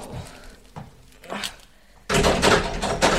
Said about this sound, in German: Ich will jedoch noch mal prüfen, ob die Tür wirklich zu ist.